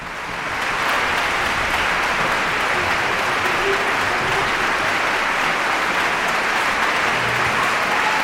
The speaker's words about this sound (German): Noch einmal großer Applaus, Bravo-Rufe aus dem Publikum.